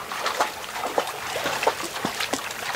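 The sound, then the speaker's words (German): Water trickles and gurgles steadily in a small stream in a forest of hemlocks, Douglas firs and other conifers, where horses can drink, with a continuous bubbling wash broken by frequent soft splashes and drips, moderately quiet, with no voices. “Immer wieder stoßen wir auf kleine Seen oder Bäche, aus denen die Pferde trinken können.”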